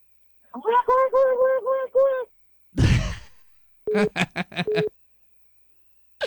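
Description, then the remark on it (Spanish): A person imitates Donald Duck's voice: a run of about five raspy, quacking syllables, a breathy gasp, then another quick burst of clipped, squawky duck-talk. “Ok, tienes que hablar como el pato Donald, échale.”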